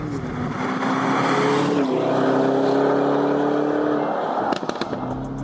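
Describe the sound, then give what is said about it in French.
A Lamborghini Urus engine, heard from inside the car on the wet track of the Circuit de l'Ouest Parisien, roars steadily with a deep, rich drone, its pitch sagging briefly then holding, before a few sharp clicks and a slight shift near the end; no one speaks. “Mais quand même, quand t'es dedans, le son, c'est une Lambo.”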